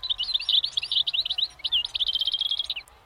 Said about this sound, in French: Oh, est-ce que c'est pas un oiseau, ça? Si. Si.